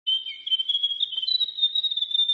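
A grey warbler sings a thin, high, wavering trill that runs unbroken for a couple of seconds, its pitch edging slightly upward toward the end. No voices accompany it.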